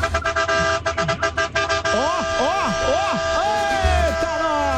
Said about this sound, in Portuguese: A buzina. Bibi.